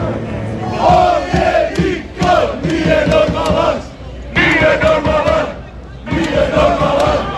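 A large crowd of Croatian football fans, gathered on the streets of Philadelphia from many parts of the world to support Croatia, chants and cheers loudly in repeated surging phrases, each lasting about a second or two, separated by brief lulls.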